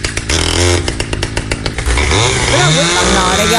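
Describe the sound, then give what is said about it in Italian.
A loud chainsaw engine revs up and down, its buzzing whine rising and falling in pitch, with bursts of rapid sputtering partway through and voices talking over it. “Quella è motosega pure questa.”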